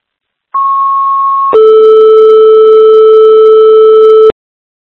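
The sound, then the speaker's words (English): A two-tone emergency dispatch alert toning out an EMT for a call on Route 26: a steady high tone for about a second, then a longer, lower, louder tone held for nearly three seconds before cutting off abruptly. No voices. “Tones for an EMT, 11382, Route 26.”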